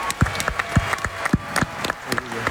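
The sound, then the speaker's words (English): A crowd applauds Giannis and Thanasis for winning a bronze medal representing their country. The claps form a steady, dense patter, with a few heavier thumps standing out at a roughly even beat through the whole burst. “Get ready for a round of applause here.”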